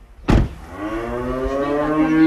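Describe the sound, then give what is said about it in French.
A single long, deep moo from a cow on a working farm at Le Bessou in Aubrac, tended in the early morning, drawn out and steady for about two seconds after a brief knock at the start, with no voices. “Voilà, elle a combié les bottes pour aller s'occuper des vaches.”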